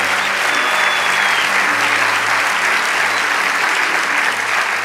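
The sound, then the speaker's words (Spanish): Loud, sustained applause from a large audience at Rey de Reyes, given for Rey de Reyes, fills the whole stretch, a dense wash of clapping at steady intensity with a faint tonal hum underneath. “Vamos, dale ese aplauso a Rey de Reyes.”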